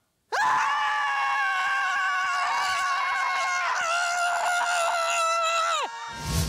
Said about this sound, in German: Dort hat unsere Reporterin … das Schreien in der Gruppe getestet.